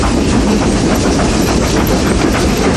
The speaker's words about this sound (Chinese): 世界上最后几列仍在运营的蒸汽机车，执着地奔驰在历史中。